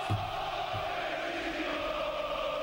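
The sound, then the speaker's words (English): A stadium crowd cheers for the Egyptians during a football match between Egypt and Argentina, in a steady, dense roar that holds at an even loudness throughout, with a couple of low thuds near the start and no clear voices on top. “But Rodrigo de Paul, it's a cheering for the Egyptians.”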